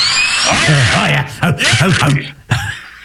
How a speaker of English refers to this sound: So there you go. Noah's on the leaf blower duty.